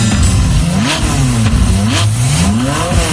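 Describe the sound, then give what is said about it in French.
A sports car engine revs hard and accelerates as it speeds through Paris, its pitch climbing in repeated rising sweeps as it shifts through gears, loud throughout with no voices. “Un vrai farfelu, un type mal léché qui arrivait toujours en retard au studio et fonçait dans Paris à toute allure au volant d'une voiture de sport.”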